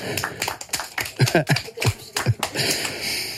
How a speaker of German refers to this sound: Mega gute Bären gewesen, bravo. Applaus für euch selber.